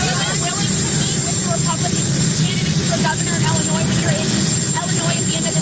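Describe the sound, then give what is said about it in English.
A steady, loud roar of the idling jet engines of Qatari Force One on the tarmac at Shannon Airport in Ireland, with a low rumble and constant hiss, while a voice talks over it throughout. “So you hear the engines of Qatari Force One behind him, but you'll get the drift.”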